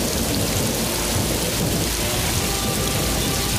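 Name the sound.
rain with thunder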